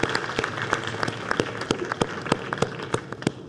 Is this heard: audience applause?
yes